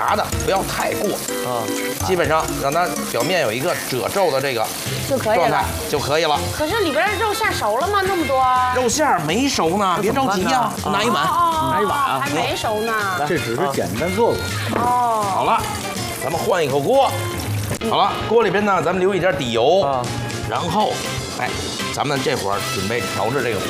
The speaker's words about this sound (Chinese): 那咱们得炸这个尖椒的时候呢，其实这也是一个让这个肉馅儿成熟的这么一个过程。同时呢，是你看啊，这个尖椒怎么让它一会儿成虎皮蒜？你看， 啊，这已经开始了， 已经开始什么呀？变色了，这个辣椒，对。